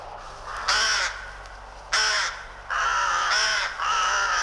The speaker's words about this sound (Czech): Tak, co si myslíš, že to je za zvíře? Havran nebo vrána. Havran nebo vrána?